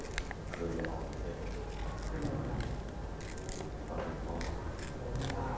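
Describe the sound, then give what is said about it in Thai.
Paper being slowly torn by hand by a teacher showing children how to tear it, with repeated crisp ripping and crackling bursts, continuing steadily for several seconds. “เด็กๆค่อยๆขยับมือนะคะในการฉีกกระดาษเลยค่ะเด็กๆนะคะสามารถฉีกนะคะตามความคิดหรือว่าตามจินตนาการของเด็กๆได้เลยค่ะฉีกแบบนี้นะคะค่อยๆขยับมือ”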